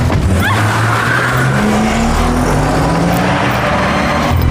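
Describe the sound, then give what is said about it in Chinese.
A car engine revs hard and climbs in pitch as the vehicle accelerates away, loud at first, with a brief screech of tires and no voices, while a man over seventy chases the car on foot. “当时您是不在场啊，我告诉您那个场景啊，你说这个年轻人追汽车哈，70多岁的老人了他还在追汽车。”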